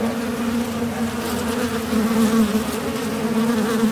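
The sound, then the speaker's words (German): A steady drone of many wasps buzzing, a continuous hum with slight wavering pitch and no speech, holding at a constant loudness throughout; wasps at a nest in a cavity in the outside facade of a house at the second floor, as powder is pumped into the gap where they fly in and out. “pumpt das Pulver in den Spalt, wo die Wespe rein- und rausfliegen”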